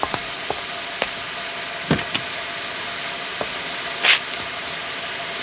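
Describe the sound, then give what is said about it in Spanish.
Someone climbs into a car: scattered clicks and a few muffled thuds over a steady low hum, then one louder, brief shut of a door near the end. No one speaks. “Rápido, dé la vuelta y suba al carro.”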